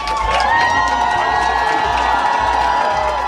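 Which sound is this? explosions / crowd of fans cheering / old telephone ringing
crowd of fans cheering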